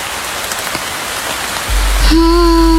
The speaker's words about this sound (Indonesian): Suara hujan baru saja reda. Tetesan air dari atap terdengar perlahan.